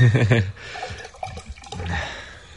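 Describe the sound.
New wine is poured into a wine glass: a short burst of splashing and gurgling over a couple of seconds, preceded by a brief voice at the very start.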